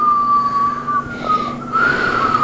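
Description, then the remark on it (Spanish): A voice imitates whistling wind with a thin, steady, wavering tone that fades briefly midway, then returns slightly higher and louder against a soft hum. “Se escuchan así como silbido del viento. Ándale, a ver, ¿cómo le hace el silbido del viento?”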